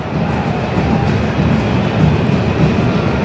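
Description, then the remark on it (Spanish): A low, rolling rumble of thunder from an electrical storm during an Atlas football match fills the whole stretch, steady and loud with no sharp crack, its deep roar holding evenly from start to finish with no voices over it. “Ojito, porque me escuché un rayo. Un trueno, perdón.”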